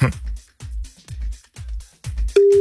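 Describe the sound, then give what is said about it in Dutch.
A steady electronic telephone tone starts abruptly near the end and holds, like the first ring of an outgoing call from the NPO Radio 2 studio to a listener who gave the right quiz answer, after a few rhythmic, muffled low bursts. “Nathan is aan het bellen met iemand die het goede antwoord heeft gehad.”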